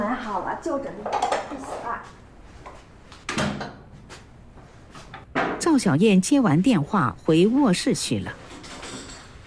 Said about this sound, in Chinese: 此刻的赵达生在厨房里收拾碗筷。